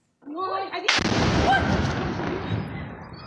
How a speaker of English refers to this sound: The RSF targeted a weapons depot, causing several powerful explosions.